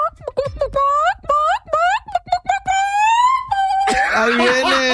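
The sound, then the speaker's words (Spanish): A person's voice imitates chicken calling, a string of rising, warbling high-pitched cries and squeals with short breaks between them, ending in a louder, raspier burst. “they were having a contest for chicken calling.”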